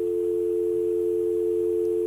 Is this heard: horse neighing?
no